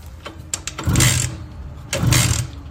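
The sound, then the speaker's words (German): A Simson S51 two-stroke moped engine being started after the key is turned, with a few sharp clicks followed by two loud bursts of rough, buzzing engine noise that sputter and fade. “Schlüssel rum, lass mal an das Ding.”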